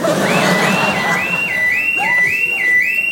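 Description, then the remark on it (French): An alarm going off: a loud, high-pitched electronic tone that swoops up and holds in quick, steady repeating cycles, sounding alone without any talking. “Oh merde, l'alarme.”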